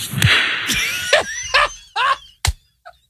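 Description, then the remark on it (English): A loud, sharp hand clap cracks out, with a couple of other crisp snaps around it, mixed among high, sliding squeals and whistly tones that rise and fall in short bursts. “I want to hear the answer and the clap again.”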